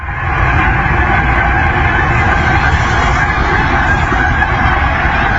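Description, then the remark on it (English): A huge flock of geese heading south for the winter honking overhead, their calls blending into a loud, dense, unbroken din that continues without pause and with no voices. “The geese are heading south for the winter, although Matt sent in a clip of all the geese overhead.”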